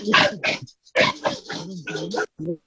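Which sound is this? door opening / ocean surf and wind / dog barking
dog barking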